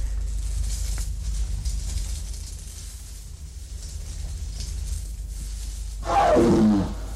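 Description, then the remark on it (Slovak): A low, steady rumble fills several seconds before a jaguar lets out one loud, harsh, growling roar near the end, lasting about a second. “Vrhol sa na Jaguára s nožom!”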